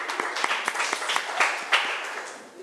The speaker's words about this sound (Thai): ถูกต้องค่ะนักเรียนเก่งมากปรบมือให้ตัวเองหน่อย